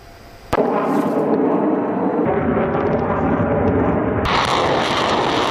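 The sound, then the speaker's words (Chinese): A sudden sharp blast kicks off a sustained, loud roaring rumble, with a second crack of explosion near the end over continuous heavy roar, like bombardment and aircraft: long-range air and ground fire strikes on enemy targets as a military exercise begins. “随着演习正式展开，先期空地火力对敌实施远程打击”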